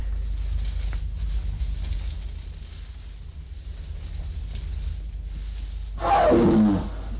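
A jaguar lets out one short, loud roar with a rough, falling growl near the end, after several seconds of quiet low rumbling background. No one speaks.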